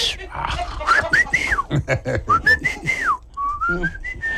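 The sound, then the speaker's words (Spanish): A person whistles in rising and falling tones, imitating the high whistle of air leaking into a car through melted rubber seals as it speeds up, over faint background voices. “y luego ya conforme traes el carro, la calentura y esto, lo otro, como ya no tiene esas liguitas, le entra aire y empezaba como a chiflar cuando aceleraba.”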